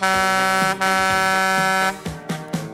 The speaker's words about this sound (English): And that cement mixer of hers. There she is.